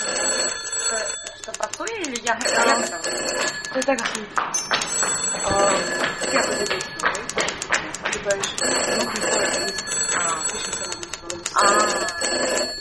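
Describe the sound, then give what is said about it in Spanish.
Several telephones ring insistently with bright, trilling bell tones that keep repeating, while people talk loudly over the continuous ringing. “¿Podéis escoger los malditos teléfonos?”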